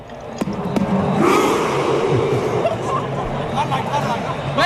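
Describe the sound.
A large crowd of Norwegian fans roars in a steady, dense wash of voices, cheering and chanting together, with a few sharp percussive hits cutting through early on.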